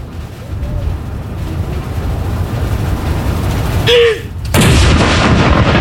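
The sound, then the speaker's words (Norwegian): The first shot of a ceremonial cannon salute at Akershus Fortress, fired on a commander's lead, booms out suddenly against a steady outdoor wash of noise, its loud blast rolling on as a heavy rumble; a brief whistle-like tone sounds just before. “Og det kommandanten da som leder denne avfyringen av disse salutene. Første kanon!”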